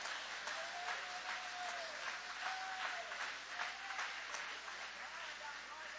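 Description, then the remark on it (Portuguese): An audience applauds in a steady, dense wash of clapping that holds for the full six seconds, with faint voices calling out in wavering tones beneath it. “Pode aplaudir, pode exaltar, pode adorar.”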